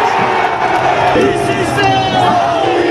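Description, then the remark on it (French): A large football crowd roars in joyful celebration as Kvaratskhelia opens the scoring in the 20th minute, a dense, sustained wall of cheering and shouting that stays loud and steady throughout, with scattered whoops rising out of the mass of voices. “Alors quand Kvaratskhelia a ouvert la marque à la 20e minute, c'est l'explosion de joie.”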